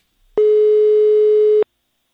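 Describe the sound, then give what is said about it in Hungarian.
A single ringing tone on a phone line, from a Rádió 1 call to the mayor's office in Őrtilos at half past seven in the morning: one steady, loud electronic beep lasting just over a second, heard clearly on its own with silence before and after. “Nem hiszik, hogy reggel fél nyolckor szól a telefon.”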